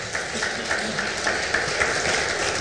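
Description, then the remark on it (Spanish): A church audience applauds the Lord during a service, a dense, sustained wash of many hands clapping at an even loudness throughout, with no voices rising above it. “Aplaudámosle al Señor.”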